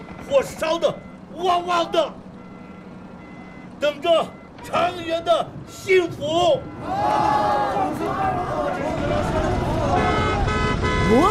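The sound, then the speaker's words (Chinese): People talk in short bursts, then a loud truck horn blares steadily for the last few seconds, a long sustained honk that drowns out the voices; a businessman honks his truck's big horn at a village by a closed sand and gravel quarry. “我这里不挖砂石了，走吧走吧，摁个大喇叭，烦不烦？”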